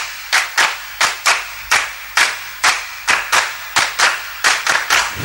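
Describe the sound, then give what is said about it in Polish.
Steady hand clapping, about fourteen sharp claps in an even rhythm, sounding like one person applauding, given as applause for a six-year-old girl who set a women's Rubik's cube world record. Loud and crisp, with no voices. “a skoro już o tym mowa, to teraz dla pewnej dziewczynki brawa.”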